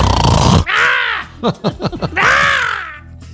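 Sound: voice imitating snoring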